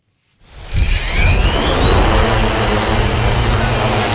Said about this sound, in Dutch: Deze drone is een vliegende speurneus.